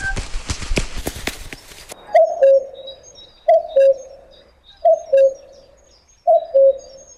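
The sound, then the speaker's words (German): Birdsong: a low two-note cooing call repeats four times at a steady pace, with faint high chirps in the background, after a short burst of clattering, rustling noise at the start. “Ist das beruhigend, die schönen Vogelstimmen?”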